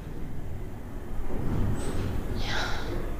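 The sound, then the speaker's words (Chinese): A sleeping person snores, a rough nasal snort rising out of a low, steady rumble, with a breathy rasp trailing off near the end. No one speaks. “你就是打呼噜了。”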